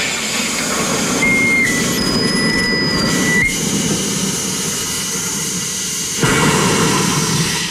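A soda maker, closed with the bottle in place and worked by pressing a lever, carbonating a bottle of water: a loud, steady rushing hiss with thin, high whistling tones in the first few seconds and a shift in the roar near the end.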